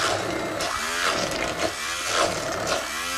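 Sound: blender mixing cooked chickpeas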